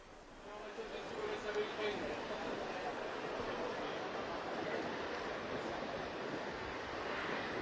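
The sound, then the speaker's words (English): A steady, loud roar of rough sea at Lampedusa and gusting wind fills the whole stretch without pause, the sea rough because it is quite windy, a dense wash of surf noise with faint, indistinct voices mixed underneath. “Like we were saying, it's a pretty rough sea today because of this, because it's quite windy.”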